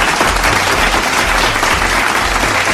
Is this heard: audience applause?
yes